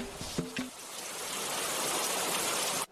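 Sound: heavy downpour of rain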